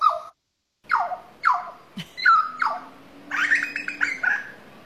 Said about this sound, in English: And this one's a grey butcher bird.